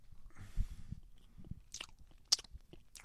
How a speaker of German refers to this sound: Schmatz nicht so. Ist ungehörig.